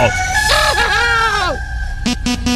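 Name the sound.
rooster crowing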